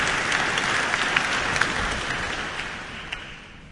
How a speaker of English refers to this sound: And that applause for Executive Director of the competition